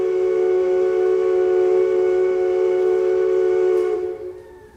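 A steamship horn sounds one long, steady blast, a deep rich tone with many harmonics, loud and unbroken for about four seconds before it cuts off and fades away. No one speaks.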